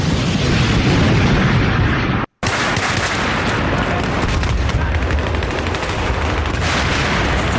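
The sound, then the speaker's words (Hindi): A loud, dense barrage of gunfire and explosions as enemy troops advance from all sides on an MMG post at Nowshera, roaring continuously with rapid bursts and heavy blasts layered together, broken by a brief moment of silence before the battle noise resumes. “अब नौशेरा की इस एमएमजी पोस्ट पर चारों ओर से दुश्मनों ने आगे बढ़ना शुरू किया और जबरदस्त बमबारी और गोलियां बरसाते हुए काफी पास आ गए।”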